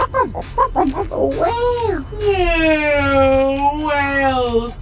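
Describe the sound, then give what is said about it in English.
A voice imitates a whale call: a few short choppy vocal bursts, then long, drawn-out moaning tones that slowly rise and fall in pitch, sustained and fairly loud. “Whale. Yeah, whale sound.”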